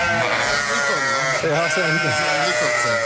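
A large flock of about 400 sheep bleats loudly and continuously, many wavering, overlapping calls blending into a dense chorus, with no pauses throughout.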